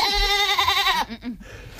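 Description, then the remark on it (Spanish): A goat, the legionnaires' parade mascot named Babieca, lets out a long, loud, wavering bleat, followed by a couple of shorter, quieter bleats trailing off. “La cabra de este año, novedades.”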